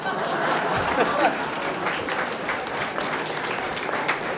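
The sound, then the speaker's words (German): An audience claps steadily after a sing-along performance, a dense, even patter of many hands that stays at a constant loudness from start to finish, with a faint murmur of voices mixed underneath. “Wenn einer klatscht, dann hat er vielleicht nicht mitgesungen, der soll klatschen, aber sonst.”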